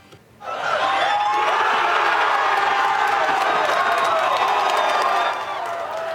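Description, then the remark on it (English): A crowd of around 300 people at a World Cup watch party at the Croatian Canadian Culture Center in northeast Calgary erupts in loud, sustained cheering and shouting, a dense roar of many voices that swells abruptly after a brief quiet start and holds steady for several seconds. “Around 300 people packing into the Croatian Canadian Culture Center in Calgary's Northeast for a watch party earlier this afternoon.”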